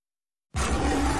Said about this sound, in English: Simba roars with flavor.